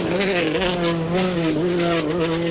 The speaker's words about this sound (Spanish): Pues no, chicos, esto es que escucháis es un coche de rallies.